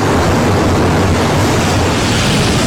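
A loud, steady roar of rushing floodwater from flash-flood torrents in Rhodes, Greece, surges continuously, a dense churning wash of sound, with no voices heard.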